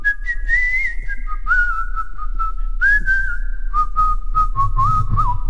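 Someone whistles a tune up close, a clear, steady melody of sustained notes with small slides and trills between them, carried over a low, constant background hum.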